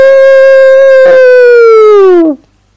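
A single wolf howl holds a steady, strong tone for about two seconds, then slides downward and cuts off. It is loud, with no talking around it.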